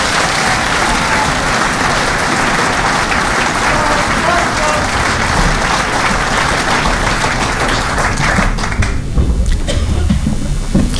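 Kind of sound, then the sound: crowd, audience applause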